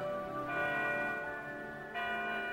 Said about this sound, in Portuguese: Tá fraquinho esse sino, põe outro ali, mais forte.